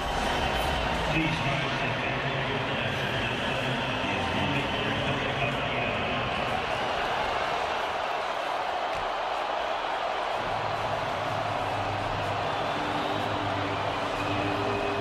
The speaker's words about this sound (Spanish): No soy de los que les gusta un pelo oír abucheos a un himno, a ninguno, porque representa un país, pero no solo en presente, sino para mí en su historia también. Dicho esto, prefiero un abucheo a una guerra.